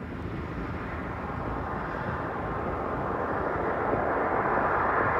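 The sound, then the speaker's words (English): A steady, thunderous rocket engine roar from a SpaceX launch in Central Florida, 33 seconds after liftoff, fills the whole stretch, broad and rumbling with a crackling texture, growing slightly louder toward the end. No voices are heard. “We are T-plus 33 seconds and counting, and everything looking great right now with this SpaceX launch.”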